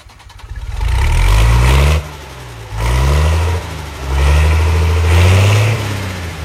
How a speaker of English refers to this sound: There's some diesel for you.